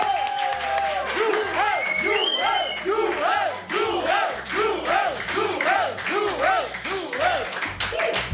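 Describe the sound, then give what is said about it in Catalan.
A loud crowd cheers and whoops in steady rhythmic waves, with applause and clapping running underneath throughout, energetic, like an audience chanting in unison, welcoming the guest Joel Díaz. “Nosaltres, rebem amb un fort aplaudiment a Joel Díaz.”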